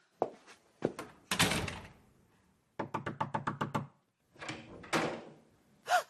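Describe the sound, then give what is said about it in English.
A bathroom door is handled and pushed shut with a few solid thuds, followed by a quick run of about eight knocks, then more rustling door movement. Fairly loud, with no talking. “And close the door.”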